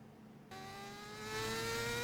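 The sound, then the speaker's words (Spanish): A motorcycle engine suddenly roars to life after a quiet moment. Its steady whine rises slightly in pitch and swells louder as it revs and pulls away, with no voices. “¡Salió de moto! ¡Eh, la moto!”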